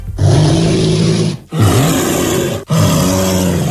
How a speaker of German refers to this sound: Also wer mal in einer ähnlichen Lage sein sollte, ein Bär klingt so.